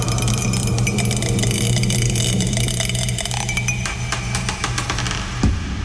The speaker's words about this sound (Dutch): Oh, hij is aan het tollen, dat dobbelsteentje. Hij tolt. En het is nummer 4 geworden.